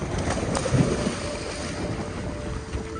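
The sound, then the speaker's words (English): A boat runs steadily across open water in the Tuamotu islands, heading out to check coral nurseries created a year earlier; its droning hum mixes with rushing wind buffeting the microphone and the wash of waves, loud throughout with no voices. “They loaded up the boat to go check on the nurseries that were created 1 year ago.”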